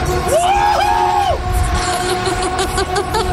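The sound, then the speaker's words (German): A young man on a fairground ride lets out two long, arching screams, rising and falling in pitch, over a steady roar of rumbling ride and crowd noise that continues after he stops. “Ja, er ist am Schreien. Das ist eine Echtaufnahme hier gerade.”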